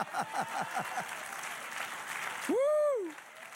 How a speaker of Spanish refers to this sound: Dale otro aplauso.